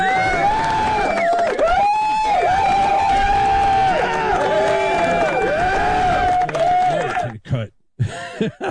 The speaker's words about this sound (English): So big round of applause to...